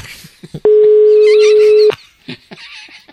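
A loud, steady telephone tone holds at one low pitch for just over a second, then cuts off abruptly, with brief faint noises before and after, as a radio show places a phone call.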